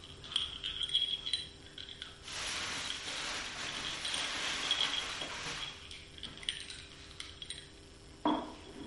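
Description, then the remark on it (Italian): Sticky, crackly chewing of candy stuck in the teeth, with a dense stretch of wet smacking in the middle, scattered small clicks before and after, and one sharper knock near the end. No voices. “Caramella masticata.”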